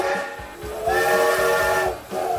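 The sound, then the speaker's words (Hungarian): A steam locomotive whistle blows loud, a sustained, chord-like shriek wrapped in steam hiss. It briefly breaks off near the end before sounding again, with no voices. “1984-ben ezen a napon a MÁV leállította az utolsó magyarországi gőzvontatású személyvonat forgalmát.”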